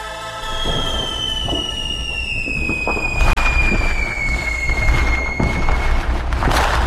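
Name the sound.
fireworks exploding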